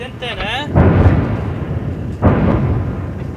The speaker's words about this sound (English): And that was a really big boom. Another airstrike in the location near Ali al-Tahrir Hill, where Israel says it detonated a series of tunnels in a Hezbollah command center recently.